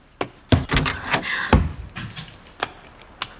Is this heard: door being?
yes